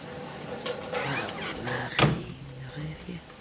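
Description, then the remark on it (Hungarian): A door swings shut with one sharp, solid thud and latch click midway through, amid soft rustling and a faint murmuring voice. “Zárja be az ajtót.”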